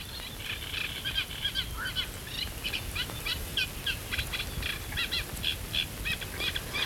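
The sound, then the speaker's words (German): A dense chorus of frogs croaking together, many overlapping raspy, pulsing calls repeating steadily over a low background rumble, with no voices. “Das ist aber jetzt sehr abgehackt, also wenn dann mehrere am Quaken sind, dann ist das auch ein mächtiges Froschkonzert, wie wir es vorhin ähnlich beim Laubfrosch hatten.”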